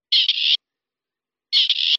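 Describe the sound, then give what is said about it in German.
Two harsh, grating grey partridge calls, each about half a second long with a brief catch in the middle, separated by a second of silence. Fairly loud, with no other sounds. “Das ist ein Rebhuhn.”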